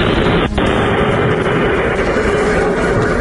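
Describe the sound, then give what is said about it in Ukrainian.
A steady, loud low rumble of distant explosions in Russia's Rostov region rolls on without pause, the blasts blurring into one continuous roar with no voices heard. “Рядом далекі вспишки, взриви.”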